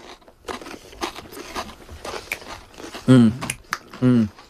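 Crunching as someone bites into and chews a Frito scoop corn chip topped with homemade pimento cheese and smoked sausage, a steady run of dry, crackly bites, broken near the end by a couple of short muffled hums.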